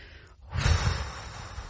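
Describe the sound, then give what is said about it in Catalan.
A voice imitates a single drawn-out snore, a breathy, rumbling snort that swells after a brief pause and trails off without any speech. “Al cap d'un minut, roncava.”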